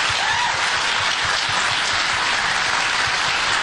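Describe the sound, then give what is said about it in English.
A crowd claps steadily, a dense, continuous wash of applause holding at an even, loud level throughout with no talking over it. “They clap.”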